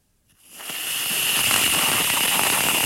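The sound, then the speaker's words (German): Eggnog-flavoured whipped cream spraying from an aerosol can: after a short silence, a loud, steady hiss swells up and holds, with a bright, sputtering crackle running through it and no voices. “Das ist Sprühsahne in der Dose. Wenn man die raussprüht, hört es sich folgendermaßen an.”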